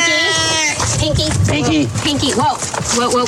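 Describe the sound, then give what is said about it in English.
Pinky, a male domestic shorthair rescue cat from Placer County Animal Shelter, yowls angrily in drawn-out, wavering, high-pitched cries, loud and strained, while people talk excitedly over the noise. “Whoa. Whoa. We got a wild cat on our hands.”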